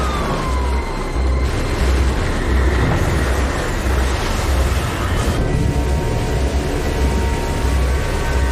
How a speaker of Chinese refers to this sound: 我能听到龙卷风的咆哮声，就像一列火车迎面冲来。